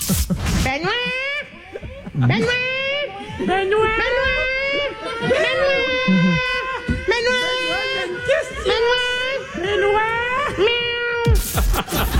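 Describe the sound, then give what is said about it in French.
A broadcast technician imitates a cat backstage during a break in the show, producing a long series of drawn-out, wavering meows one after another, loud, with faint background chatter from others. “Ben, faut avouer que mon bruit de chat est quand même on point.”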